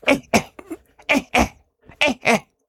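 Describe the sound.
A person imitates a monkey's alarm call, a double cough that signals an air alarm, with sharp, abrupt coughs delivered in quick pairs, three double bursts separated by short pauses, fairly loud with no talking.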